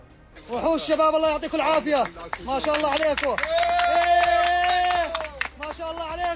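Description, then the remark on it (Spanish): Excited shouts and cheering voices rise and fall over a crowd, with one long sustained cry in the middle and scattered clapping underneath, loud throughout, as a rescue team from Jordan pulls a 3-year-old boy alive from the rubble of a collapsed building in Los Corrales, La Guaira. “Son los aplausos y los vítores que han vuelto a sonar durante al menos unos segundos cuando el equipo de rescatistas procedente de Jordania conseguía rescatarle con vida.”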